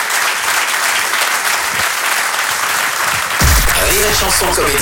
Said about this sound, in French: Je vous demande un tonnerre d'applaudissements, s'il vous plaît, faites du bruit